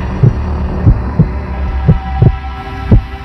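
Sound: heartbeat sound effect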